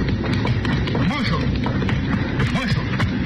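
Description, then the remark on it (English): A horse gallops away with rapid, steady hoofbeats, ridden off by an injured young man, amid a noisy, crowded scene with voices and commotion mixed into the thick background. “That young fella, the one that was hurt, he grabbed my gun out of my holster and lit out on that horse like the old Nick was after.”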